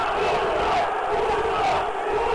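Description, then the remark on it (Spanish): A big stadium crowd jeers at the referee, Javier Rebollo, calling him "burro" (donkey), a dense, unbroken roar of many voices that holds loud and steady from start to finish. “Pero don Javier Rebelo, que está en la mira, le dicen burro, burro, burro.”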